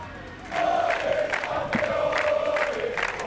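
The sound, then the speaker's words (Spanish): A large crowd chants "campeones" in unison to receive the football players at the Zarzuela, a loud, rhythmic roar of many voices with repeated syllable pulses and a sustained tonal line running through it. “Al grito de campeones han recibido a los jugadores en la zarzuela.”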